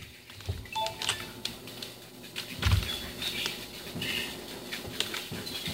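Quick, irregular keyboard clicks tap away in uneven bursts, fairly quiet, with faint high chirping tones drifting in the background and no voices.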